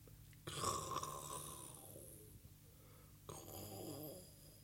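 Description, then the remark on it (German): A voice imitates snoring with two drawn-out, raspy breaths, a long one followed by a shorter one after a brief pause, with no other talking. “Sie bewegen sich dabei ein bisschen und schnarchen sogar.”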